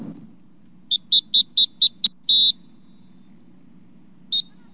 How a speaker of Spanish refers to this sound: Si estás en las playas de Acapulco y escuchas este silbato, ponte alerta, es un aviso de los guardavidas.